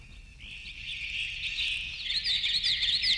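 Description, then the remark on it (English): Continuous birdsong, slowed down with its duration doubled or tripled and its pitch halved or quartered an octave at a time, with a steady high trill that swells into brighter, sweeping chirps toward the end, moderately loud, with no voices present. “an oral world where duration is doubled or tripled, and where pitch, the precise pitch of a note, of any note, of all notes, is halved or quartered, an octave at a time.”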